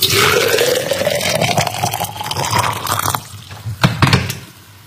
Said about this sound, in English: Well, I'm sure you guess that's what happens after you boil the kettle and you're pouring your water into your cup or your teapot or whatever it might be.